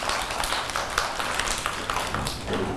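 A group of schoolchildren in class clap together for a classmate in quick, uneven bursts, a steady patter of many small hands at moderate loudness lasting the whole stretch, with no voices on top.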